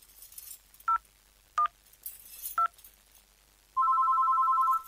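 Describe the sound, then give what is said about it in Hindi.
Three short, separate touch-tone beeps as a number is keyed to call the police, then a steady electronic ringing tone begins and holds. It is clear, with no voices. “ठीक है ठीक है, मैं पुलिस को फोन करने जा रही हूँ।”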